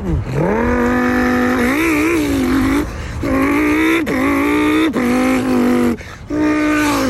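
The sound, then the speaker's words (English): A voice imitates a Lamborghini Huracan's launch-control start: a loud engine roar that climbs in pitch, drops with each of several quick gear shifts, then climbs again, with no words spoken. “I want you to do a really cool car sound. All right, Lamborghini Huracan. Let's go. Launch control.”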